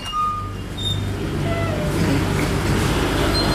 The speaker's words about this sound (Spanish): Y aquí, como escucharán, pues hay un ruido de los motores de los congeladores, doctor.